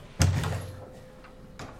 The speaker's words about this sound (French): porte et je ferme à clé la porte pour qu'on ne me dérange pas.